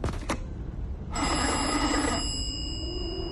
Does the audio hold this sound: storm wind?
no